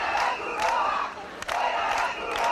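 A crowd of local residents protesting and demanding solutions shouts together in loud, sustained waves, voices rising and falling in rough rhythmic bursts with a few sharp peaks, no single voice standing out, as they try to stop Red Cross vehicles entering Trampolín beach.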